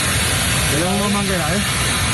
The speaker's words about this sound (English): Crews fire streams of water at fires near Madrid as the military has stepped up to help combat the fires. Several wildfires are burning out of control near the capital.